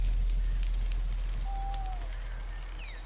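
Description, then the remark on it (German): A campfire crackles steadily with scattered sharp pops over a low, constant rumble, while a few faint bird whistles sound. No one speaks. “Die Wärme des Lagerfeuers war wohltuend und so schlief er rasch ein.”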